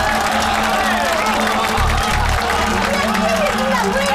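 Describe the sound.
A crowd breaks into applause and cheering for a shopkeeper about to sing, a dense, steady wash of clapping and shouting voices that stays loud for the whole four seconds.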